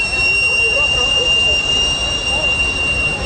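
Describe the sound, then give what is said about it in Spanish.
A loud, steady, high-pitched steam whistle on a vendor's cart selling roasted sweet potatoes and plantains shrieks without a break, a piercing continuous tone over a rushing hiss of steam escaping through the cart's vertical exhaust chimney, sustained for the whole stretch. “Este prolongado silbido hace agua a la boca. Significa dulces y deliciosos plátanos o camotes asados cubiertos de azúcar o de leche azucarada.”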